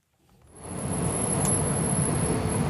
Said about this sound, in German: Stockender Verkehr und ein nicht enden wollender Strom aus Autos, Bussen, Lkw und Stadtbahnen. Der zentrale Bertha-von-Suttner-Platz in Bonn war tagsüber noch nie ruhig. Seit 2 Monaten aber herrscht Dauerverkehr.